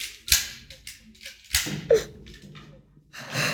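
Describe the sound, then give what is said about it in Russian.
A short run of metallic clicks and clatters as the head of the family, Don Pipino, fumbles with keys in the lock of the front door, with a few sharper snaps and a rustling burst near the end. “А в это время у входной двери возится с ключами глава семьи приора Дон Пипино.”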